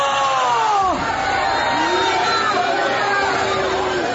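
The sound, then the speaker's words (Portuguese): A crowd of voices shouts together, calling for Jesus to burn a demon, in a loud, continuous wall of overlapping cries, with a few rising and falling yells standing out above the sustained group clamor. “Vão gritando para Jesus queimar.”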